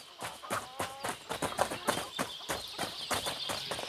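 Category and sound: animal, horse hooves clip-clopping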